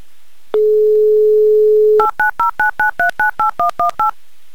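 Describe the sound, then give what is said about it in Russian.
A steady dial tone hums for about a second and a half, then eleven quick, evenly spaced keypad beeps as a phone number is dialed to call a contestant in Moscow, clear with no voices. “Номер набрали.”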